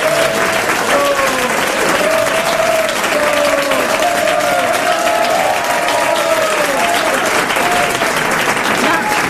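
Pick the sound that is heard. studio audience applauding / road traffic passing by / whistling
studio audience applauding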